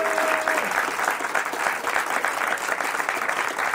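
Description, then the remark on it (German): A large audience at the Casino Innsbruck claps steadily and loudly, a dense, continuous wash of applause with no talking over it, welcoming the two finalists of the Ö1-Quiz, broadcast live. “Mit einem großen Applaus begrüßt unser wunderbares Publikum unsere beiden Finalisten”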